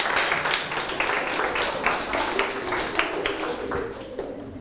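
A group claps together for students who practised memorizing and reciting Thai poems, in steady, overlapping applause: a dense patter of hand claps that holds at an even level for several seconds before easing slightly at the end.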